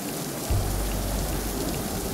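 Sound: rain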